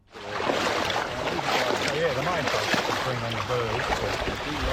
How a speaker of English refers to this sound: With my waders on, I'm trudging through knee-high water in this wetland outside Rushworth in northern Victoria.